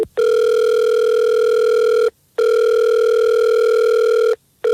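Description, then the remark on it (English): A phone line ringing on an outgoing call: two long, steady electronic ring tones separated by short pauses, loud, with no voices. “Well, let's call him, and we'll see if we can get him on the phone, and we'll figure this out for you.”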